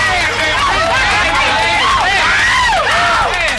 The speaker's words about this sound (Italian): Vabbè, applauso.